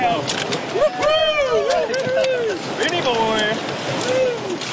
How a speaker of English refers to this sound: After lunch, the crews paddled through the last of the rapids.